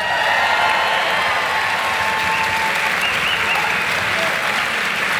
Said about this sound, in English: Ladies and gentlemen, could you please put a massive round of applause together for TJ Kilcannon, Dermot Flanagan, and James Nallon.